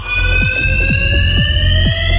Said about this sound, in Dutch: God, irritant. Ja. Zo. Het brandalarm. Volgens de gemeente komt het door hangjongeren.